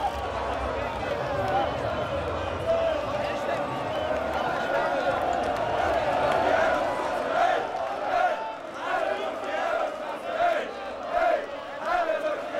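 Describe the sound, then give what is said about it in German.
A dense crowd roars and chants continuously on the Reeperbahn in St. Pauli, many voices cheering and singing together in a loud, sustained wash of noise with occasional rising shouts, as riot police try to guide out cars caught up by the crowd. “Die Bereitschaftspolizei versucht, die Autos rauszulotsen, die von den jubelnden Massen eingeholt worden sind.”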